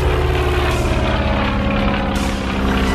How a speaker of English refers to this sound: climbs into the cockpit, takes the controls, and taxis out into Lake Union, determined to perform the first flight. As the late pilot rushes up to the hangar, he's just in time to see Boeing turn the plane into the wind, gun the engine, and lift off.